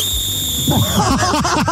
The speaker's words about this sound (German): Ah, okay, ja, dann pfeifen wir einmal für uns. Wie wäre so der Standard-Pfeif-Move? Ist aber laut. Okay, und jetzt, wenn du richtig sauer bist? Ja. Du bist richtig sauer, weil jemand wieder mit dreckigen Füßen reingeht.